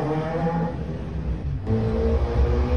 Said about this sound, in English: People living in and around the Grove say motorbikes and mopeds race up and down the small routes daily and often late at night. The 20-mile-per-hour roads are surrounded by schools and one was recently made a school street.